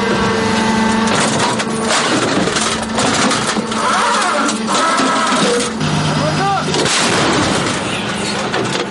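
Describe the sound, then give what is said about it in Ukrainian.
A Ukrainian self-propelled howitzer crew fires final rounds from a firing position after restarting the engine, before leaving quickly. Heavy, booming blasts burst over the steady drone of the running diesel engine, with clanking and rumbling filling the loud, dense soundscape throughout. “Крайній вогонь!”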